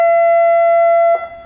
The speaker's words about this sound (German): Das ist jetzt das Typhon. Ja, die klassische Hupe in der Schifffahrt. Das ist dann quasi dieses Nebelhorn, das Fox-Signal nennt sich das dann.